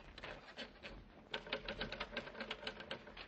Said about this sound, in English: Let me see that typewriter.